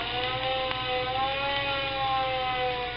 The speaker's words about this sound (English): The big engine blew its big moaning siren to tell everyone to get out of the way.